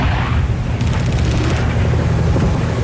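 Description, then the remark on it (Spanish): A loud, dense war soundscape: heavy booms and continuous rumbling explosions, with a rapid burst of machine-gun fire partway through. There is no speech, only constant battle noise. “¿Es como sonido de guerra? Sí, señor.”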